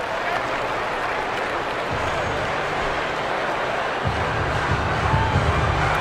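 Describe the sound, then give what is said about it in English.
A large crowd at a baseball game at Petco fills the air with a steady, dense wash of noise, a continuous roar of many voices with low rumbling underneath and no single standout shout. “Turning into another big crowd here at Petco.”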